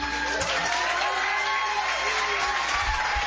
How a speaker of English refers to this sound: Could you make a big warm round of applause and make welcome back to the Woodshop stage